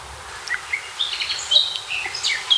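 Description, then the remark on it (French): A Eurasian blackcap sings a quick run of bright, warbling phrases, the clear notes tumbling over a soft, steady outdoor hiss with no talking. “La fauvette à tête noire qui chante.”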